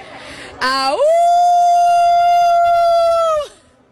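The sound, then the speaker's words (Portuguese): A woman imitates a wolf howl: one loud, long howl that swoops upward, holds a steady pitch for a few seconds, then falls away abruptly. “E ganhei, uivei.”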